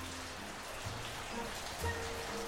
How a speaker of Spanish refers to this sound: Uy, qué tormenta se viene. Está lloviendo por allá. Acá sí, acá se largó hace un ratito. Escucho de afuera, no, el viento ya.